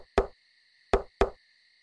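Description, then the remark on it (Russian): Three sharp knocks on the door of a house late one evening, one then a pause followed by two quick ones, fairly loud over a faint steady hum, with no voices. “Одним поздним вечером в дом постучали.”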